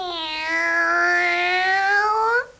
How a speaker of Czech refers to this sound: To se ti vzácná paní s prominutím jenom něco zdálo. Kočka odjak živa mňouká.